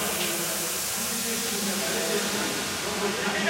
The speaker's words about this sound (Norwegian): Ja, hvis du mot formodning akkurat slo på radioen, så det altså lyden av norsk jubel du får I radioapparatet, for Norge skal spille semifinale I ishockey-VM.